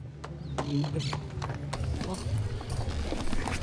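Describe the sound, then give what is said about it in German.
Several horses' hooves clip-clop in an uneven, overlapping rhythm of sharp knocks as riders arrive on horseback with the charros in front of a church, with a low rumble and murmuring voices of a crowd beneath. “wir kommen mit Pferd und unfallfrei gemeinsam mit den anderen Charros vor der Kirche an.”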